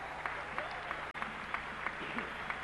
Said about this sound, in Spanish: Un aplauso fuerte.